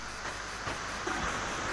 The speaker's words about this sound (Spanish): Escuche. La lluvia. A ver.